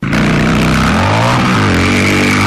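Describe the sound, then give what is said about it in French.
Loud engines drone as motorcycles and vehicles slow down along a badly degraded road of mud and standing water, the motor pitch shifting and rising steadily with no talking. “À moto comme à bord des véhicules, les voyageurs n'ont d'autre choix que de diminuer la vitesse pour éviter les pannes inutiles ou des accidents de la circulation.”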